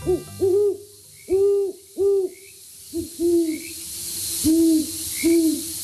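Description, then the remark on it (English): Deep, resonant owl hoots of a great horned owl come in a rhythmic series of about eight, clear, with a soft hiss of background ambience and no talking. “Many great horned owls make their homes in urban areas.”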